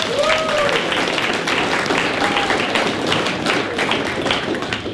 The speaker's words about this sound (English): Round of applause.